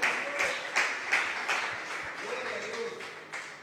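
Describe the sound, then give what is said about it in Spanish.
An audience claps their hands for the Lord in a steady, quick rhythm, the sharp beats repeating about three times a second over a dense wash of crowd noise and voices. “¡Dele palmas al Señor!”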